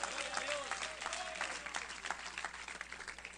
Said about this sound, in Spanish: Denle un fuerte aplauso si es para Él.